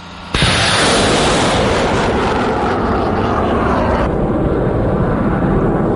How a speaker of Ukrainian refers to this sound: За кілька хвилин повідомляють – небо чисте, «Хаймарс» повертається на позицію і таки посилає ракету у бік ворога.